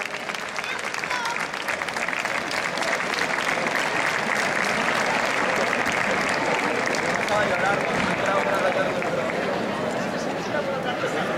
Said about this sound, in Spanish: Un aplauso para todos ellos, por favor.